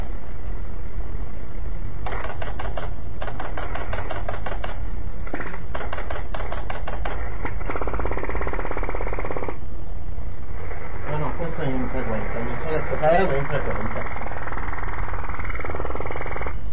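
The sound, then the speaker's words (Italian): An unknown military digital radio mode transmission comes through a receiver as rapid, chattering bursts of rhythmic pulses separated by gaps, giving way to steady noisy hiss, loud and band-limited like shortwave audio. “Di quelle modalità digitali che noi abbiamo poi sconosciamo che sono militari, guardi.”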